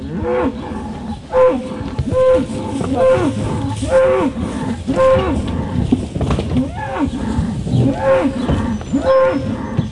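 One-year-old bulls bellow over and over in crowded stock yards on a hill country sheep and beef farm in Taranaki while their virtual fencing collars are adjusted; loud, drawn-out calls overlap almost continuously with a steady background of farmyard noise.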